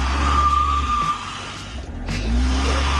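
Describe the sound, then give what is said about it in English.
A car, put in reverse with the handbrake still on in a car park, revs hard while its front wheels spin and squeal and the back wheels stay locked, a steady whining screech over a loud, continuous rumble for a few seconds, with no voices. “Puts it in reverse and steps on it. Oh, my God. Front wheels spinning, back wheels frozen.”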